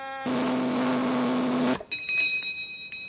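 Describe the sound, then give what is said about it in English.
A flavor meter machine testing a plain, ordinary cereal gives a steady mechanical buzz for over a second after its button is pushed, then cuts off, followed by a faint, thin bell ring whose high tones linger quietly to the end. “The better it tastes, the louder it'll ring the bell.”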